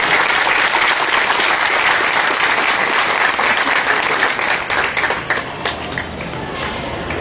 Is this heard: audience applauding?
yes